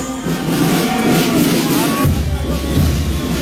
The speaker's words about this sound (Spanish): Escuchemos el paso gallardo de los docentes, hombres y mujeres del colegio San Martín de Socabaya. Yaraví. De la institución educativa San Martín de Socabaya. Aplaudimos.